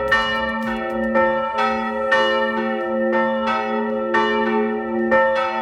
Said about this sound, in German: Kommen Ihnen diese Glocken bekannt vor? Klingt es vielleicht bei Ihnen in der Nachbargemeinde so? Oder vielleicht die in Ihrer eigenen Gemeinde? Oder sonst mal untergekommen, dieses Geläute?